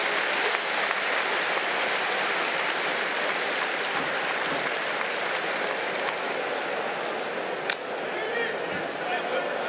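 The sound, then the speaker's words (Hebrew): A large basketball arena crowd at a Maccabi Tel Aviv versus Valencia game applauds steadily as an injured player is helped up, a dense wash of clapping that fills the whole stretch, with a voice faintly audible beneath it. “והקהל בוחק כפיים, איזה יופי של קהל.”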